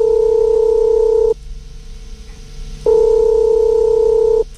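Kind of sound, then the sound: signal or alarm, telephone call connecting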